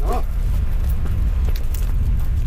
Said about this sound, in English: A roar is coming from the slopes above us. It has started to fill with water. Oh, wow! By the time it reaches us, the torrent is so powerful that it dislodges boulders.